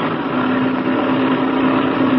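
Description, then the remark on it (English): A blue-winged propeller plane's engine roars steadily and loudly during takeoff, a dense droning rumble with a sustained low-mid hum running through it, and no voices. “It sounds like that blue wing plane is taking off.”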